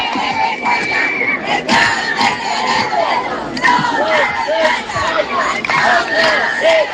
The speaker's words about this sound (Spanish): Los asistentes también han gritado distintas proclamas.